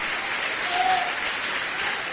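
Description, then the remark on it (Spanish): An audience applauds the Lord steadily, a dense, even wash of many hands clapping at once with no pauses, sustained throughout, with a faint brief tone rising briefly in the middle. “Dale un aplauso al Señor, hermano, fuerte, al Cristo de la gloria.”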